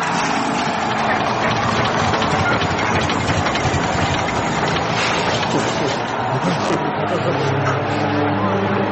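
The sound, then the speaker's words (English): The engine of a truck, the Dill Dozer, rumbles loudly and steadily as it arrives, a dense roaring drone with low throbbing tones. “I got a truck too, right?”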